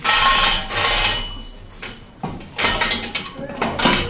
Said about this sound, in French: On a donc un système qui nous permet de descendre une colonne. Attention à toi. On va avoir une colonne qui descend.